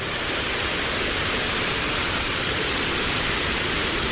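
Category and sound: nature, waterfall rushing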